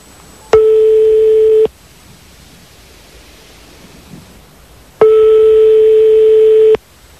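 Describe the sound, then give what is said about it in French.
Two steady telephone ringing tones of a dialed outgoing call, each lasting over a second and separated by a few seconds of quiet line hiss, as the call waits to connect. No one speaks. “On est en train de faire le numéro de téléphone”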